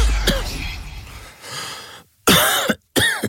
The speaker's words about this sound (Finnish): Hei, älä suotta köhi.